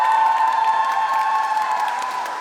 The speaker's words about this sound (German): Wer von euch hat Bock auf die Juro-Vision? Und alle, die mit nach Dortmund kommen, mach mal einen fetten Applaus!